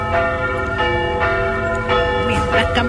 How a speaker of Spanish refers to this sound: Campanas llamándole a la misa. Exactamente, por los domingos precisamente.